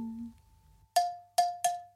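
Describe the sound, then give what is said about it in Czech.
Four bright, ringing bell strikes, made by swinging meadow bellflowers, follow a short low hum, each with a sharp attack and a long shimmering decay; the first two are spaced apart, the last three in quicker succession. “Je líbo něco jemnějšího, sličná slečinko, který rádo se stane, stačí rozhoupat zvonky luční.”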